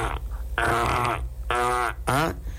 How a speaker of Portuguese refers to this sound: O portão começou a ranger, é? E você vai esperar travar de vez, amigo? É sério?